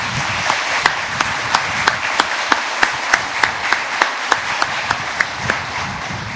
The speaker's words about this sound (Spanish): Vamos a regalarles un fuerte aplauso.